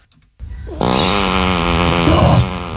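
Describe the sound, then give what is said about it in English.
A loud, sustained, buzzy fart sound effect, rough and rattling, stretching nearly two seconds, mixed with pig-like grunts and oinks, starting with a short grunt before the drawn-out blast. “There's a couple oinks in there. I'm just going to apologize right now for playing pig farts.”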